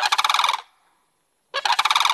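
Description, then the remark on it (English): Two bursts of a rapid, rattling bird call, pitch-shifted down and layered so it sounds thick and resonant, like a much larger animal, separated by a short silence. No voices accompany it. “Pitch shifting it down, adding more layers to it.”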